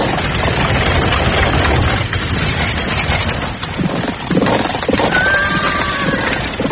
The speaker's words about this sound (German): Und kurz darauf rasselten donnernd 600 der besten Kampfwagen aus der Stadt nach Osten.